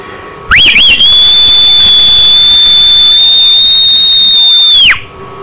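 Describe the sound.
A loud, piercing human whistle opens with a quick warbling rise, then holds one steady high note for about four seconds before cutting off sharply. No one speaks.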